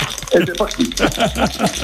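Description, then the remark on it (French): Two dice are thrown in a board game and rattle and tumble in quick, uneven clatters that run throughout, mixed with voice-like sounds. “Il lance les dés, il tient la guitare, il joue.”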